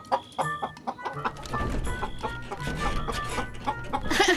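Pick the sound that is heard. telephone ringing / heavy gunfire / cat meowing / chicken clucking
chicken clucking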